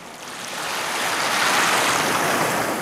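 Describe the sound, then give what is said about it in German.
Steady Indian Ocean surf washes in at Lamu, an island off the Kenyan coast, a broad hissing roar that swells slightly and holds loud throughout, with no voices present. “Lamu, eine Insel vor der kenianischen Küste im Indischen Ozean.”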